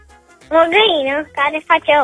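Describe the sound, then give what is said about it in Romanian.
A voice imitates a hen's cackle after laying an egg: a long, wavering squawk followed by several quick, clipped clucks, loud, with no other sounds around it. “O găină care face oul.”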